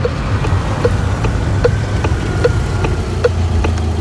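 A car engine idles with a steady, low rumble as the driver parks after two hours of driving, while a crisp clicking ticks at an even pace over it, about twice per second. No one speaks.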